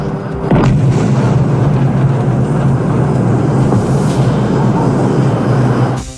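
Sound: explosions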